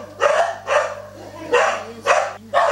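A dog barks five times in a steady rhythm, loud, with a short pause midway and a low hum underneath.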